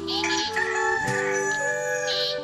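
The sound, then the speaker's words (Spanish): A rooster crows loudly, a long harmonic cock-a-doodle-doo, with poultry clucking around it and no talking, used as a farm sound effect in a radio advert for Don Rubén Hinojosa poultry feed. “Nutrición de calidad para aves.”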